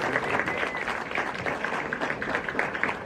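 A steady wash of audience applause, many hands clapping densely and continuously at an even, fairly loud level throughout, with no voices standing out.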